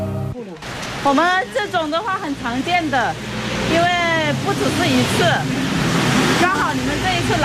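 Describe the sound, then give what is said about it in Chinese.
Heavy rain pours down in a steady, dense hiss that fills the whole scene, lasting about an hour and falling on people working outdoors winding thread, while people talk over the downpour. “然而天工不作美，活还没干完就下起了大雨。”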